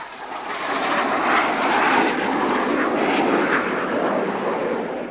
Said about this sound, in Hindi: शीघ्र ही 2 लड़ाकू विमान